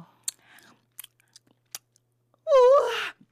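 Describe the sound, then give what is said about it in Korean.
Crisp crunching as someone chews a white, round, pearl-like snack found on the ground, tasting like honey crackers, crunchy and very sweet. Several sharp bites are spaced apart, followed by a loud, drawn-out appreciative vocal exclamation. “꿀 섞은 과자 맛이야. 바삭하고 완전 달콤해.”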